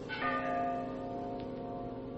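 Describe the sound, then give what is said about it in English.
A single bell rings out from far below in a gorge, its deep tone humming and slowly fading with a long, shimmering resonance. No voices are heard. “Bell. I think it comes from way down there in the gorge.”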